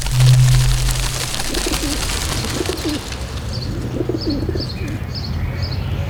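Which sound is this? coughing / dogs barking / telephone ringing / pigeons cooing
pigeons cooing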